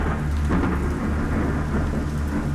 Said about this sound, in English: So the night she did that, in July of 57, she had forgotten one very important aspect of what it was like to be outside in Central Florida in the summer. Thunderstorms would roll in. You could set your watch by it.